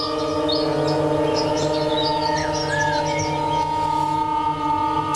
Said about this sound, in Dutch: Dat in combinatie met de field recordings van op de Hondsrug in Nederland. Vogelgekwetter, dat is één spoor.